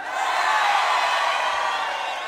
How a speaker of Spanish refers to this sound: Son poquitos pero gritones los de River, ¿eh?